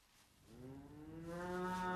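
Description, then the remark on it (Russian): A single cow moos, a low, drawn-out call that swells in loudness and holds steady to the end, with no talking over it. “Вот он, около коровы стоит.”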